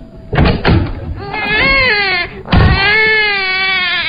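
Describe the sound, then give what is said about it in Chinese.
An infant wails in sustained, rising-and-falling loud cries while having its diaper changed, with a short gasp before a second long bawl; a couple of soft thumps come at the start. “婴儿哭了”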